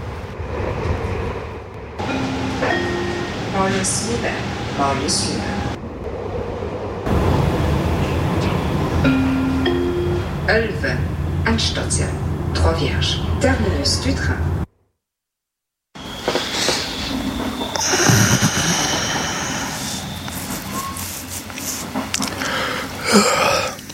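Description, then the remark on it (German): Inside a moving, nearly empty train carriage: a steady rumble of wheels and car body with rattles, clicks and occasional whining, squealing tones, broken by a brief moment of silence midway. “Nun bei Bewusstsein rafft er sich auf und durchquert den fast leeren Waggon. Vor dem Ausgang stößt er noch an das Bein eines Eingenickten”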